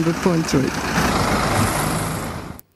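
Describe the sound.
A truck engine runs with a steady, close rumble and broad hiss for about two and a half seconds before cutting off abruptly. A brief voice is heard near the start.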